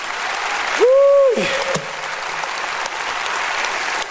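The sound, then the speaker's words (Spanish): A church audience applauds the King loudly during a sermon, dense steady clapping that fills the whole stretch, with a brief rising-then-falling whoop or whistle cutting through near the start. “Apláudale fuerte al Rey.”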